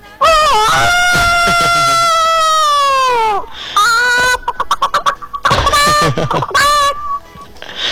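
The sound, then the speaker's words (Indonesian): A caller on a radio phone-in vocally imitates chickens, starting with a long, drawn-out crow, then breaking into rapid, choppy clucks and squawks, covering kinds including a turkey, a hen about to lay and a rooster; the performance is loud and delivered alone. “Katanya bunyi ayam 4 jenis, kan? Iya, ayam 4 jenis, ayam kalkun, ayam mau bertelur.”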